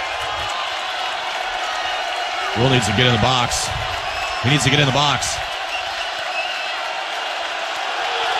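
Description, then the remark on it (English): A big ballpark crowd at a Husker baseball game keeps up a steady, loud roar of cheering from start to finish during a 3-1 count, with a man's voice cutting in briefly twice over the noise. “Crowd getting behind 13 in this Husker team.”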